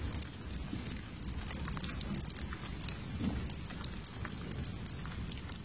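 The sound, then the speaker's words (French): Steady rain falls without letup on the Rue du Pont-Neuf around midnight, a dense hiss with scattered sharp patters of drops over a low rumbling wash. No voices or other sounds break through. “La pluie a eu raison de l'émeute.”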